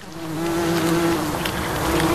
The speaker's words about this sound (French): Il y a le bourdonnement des insectes.